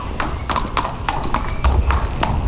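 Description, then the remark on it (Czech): Hooves clip-clop steadily as the racehorses High in the Sky and Godfrey walk at an unhurried pace from the training horse walker to the stables in Zhoř near Jihlava, each strike crisp, with a low rumble of background noise underneath. “Koně High in the Sky a Godfrey míří od tréninkového kolotoče do stájí.”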